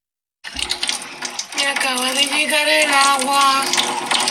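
Water gushes steadily and loudly from a pipe at a home where the water supply has just returned, a continuous splashing rush, while a woman's excited voice celebrates over it.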